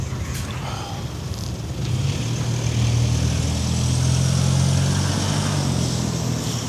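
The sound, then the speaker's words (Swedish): A car engine rumbles with a low, steady drone, growing louder after a couple of seconds as a man revs it and drives off, with broad road and wind noise around it. “Ja, vi hörde motorljudet där när han körde iväg.”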